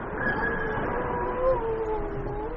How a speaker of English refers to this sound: Surely the nature of this rudimentary whale dialogue is at last conclusive proof that there is a creature as intelligent as man himself. Or, if you like, as stupid.